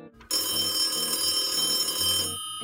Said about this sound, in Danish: En telefon ringer på en linje fra LA i USA til São Paulo i Brasilien.